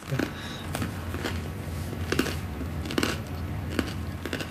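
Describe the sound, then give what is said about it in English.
Crunching of someone biting and chewing crusty bread, a series of sharp, crackly crunches repeating at an irregular, steady pace over a soft low background. “Oh, well, the bread is crunchy.”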